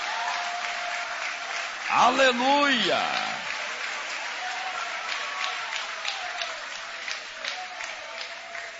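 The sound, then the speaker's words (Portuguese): Worshippers clap for God with joy steadily throughout, a dense, continuous patter of many hands, while a voice shouts an exclamation over the applause near the start. “Mais forte, mistura palmas com glória.”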